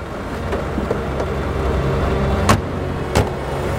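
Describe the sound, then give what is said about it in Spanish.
A police patrol car's engine rumbles steadily as it pulls away from the grounds of a psychiatric hospital in Madrid, a continuous low drone with two brief sharp clicks near the end and no voices. “El coche sale del recinto psiquiátrico.”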